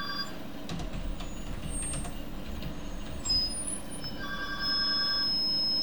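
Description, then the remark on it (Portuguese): A telephone rings amid a steady low rumble during a live broadcast, its bright electronic tones rising out of the background noise and holding steadily through the final seconds. “Eu vou ter que atender o telefone.”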